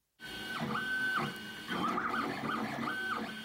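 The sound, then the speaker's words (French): A filament 3D printer running, its stepper motors whining in pitches that rise, hold and fall as the head moves, over a steady mechanical whir, with no talking. “Alors oui, ça c'est une bonne imprimante filament, je reconnais bien ça.”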